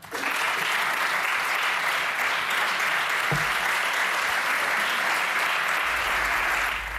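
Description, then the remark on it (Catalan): Sustained applause from the Socialist bench and the government for a speech by Generalitat president Salvador Illa, a steady dense wash of clapping that holds at an even, fairly loud level for several seconds with no speech over it. “Paraules del president de la Generalitat, Salvador Illa, que rep els aplaudiments de la bancada socialista i del govern després d'haver explicat la situació, després de conèixer els resultats PISA a Catalunya,”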